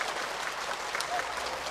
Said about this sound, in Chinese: 挺好 ，我们掌声给一哥， 谢谢一哥， 辛苦了一哥。